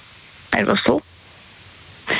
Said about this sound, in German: Einfach so. Weil jetzt regnet es gerade und es regnet so brutal.